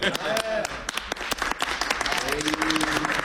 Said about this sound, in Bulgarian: Сега, понеже по-слабо ръкопляскате